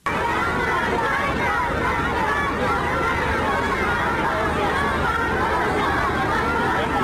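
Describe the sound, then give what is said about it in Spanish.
Hundreds of schoolchildren in China, jumping and waving US and Chinese flags, cheer and call out to greet President Trump and Xi on a red carpet. A dense, steady roar of many overlapping voices stays loud without a break from start to finish. “Filas de cientos de niños, estudiantes de colegio que representan la juventud de China, quienes brincando y ondeando banderas de Estados Unidos y China rindieron honores a ambos líderes.”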